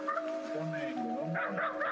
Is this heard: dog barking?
yes